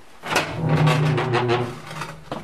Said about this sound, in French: Mais on ferme la porte. Et à la radio, on aime bien les bruits de porte. Voilà, on va se gâter.